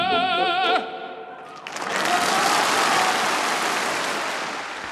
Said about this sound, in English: That was a recording made in 1993 at the Piazza Grande in Modena, where Pavarotti's from, his hometown audience cheering him on, in that encore offered at the end of the program, Tra voi belle, from Puccini's Manon Lescaut.